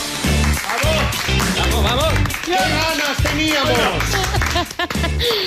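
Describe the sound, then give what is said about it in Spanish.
A studio audience on the TV programme A la Cara claps in a steady rhythm, loud and sustained, as a colleague joins the table, mixed with raised voices that sound like cheering or chanting throughout. “En tu vida te han recibido así en un estudio.”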